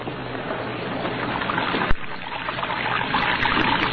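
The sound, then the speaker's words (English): Steady water pours and trickles continuously from a wash basin onto a cell floor, a broad splashing wash that stays fairly loud throughout, with one brief sharp knock near the middle and no voices. “Red Beaver lay sprawled in his bunk, watching water pouring from his wash basin to the cell floor.”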